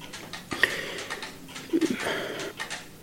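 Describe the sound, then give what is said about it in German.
Several valuable clocks tick at once in a quiet watchmaker's workshop, their overlapping clicks forming a soft, uneven patter with no one speaking. “Das sind kostbare Uhren, die Sie da haben.”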